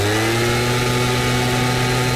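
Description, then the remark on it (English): A gas-powered leaf blower runs steadily, its small engine giving off a loud, continuous droning buzz with a layered harmonic whine and a rush of air, with no voices. “And here's a gas-powered leaf blower.”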